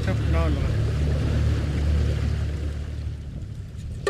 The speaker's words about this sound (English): His new skiff, bought with money made as a construction worker repairing the village, is harder to navigate in the brush than his mud boat, which was damaged during Halong.